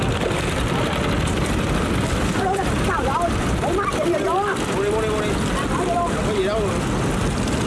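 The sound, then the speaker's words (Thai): Steady rumble of small boat motors churning through water as small boats weave through a floating wholesale market, with faint voices calling and chattering in the background as the boats move along. “ต้องชมกันจริงๆนะครับว่าเขาขับเรือกันได้เก่งมากๆอย่างเรือเล็กๆที่แทรกอยู่ในตลาดขายส่ง”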